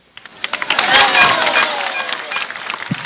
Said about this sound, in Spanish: Y ahí está, aplaudiendo Verónica.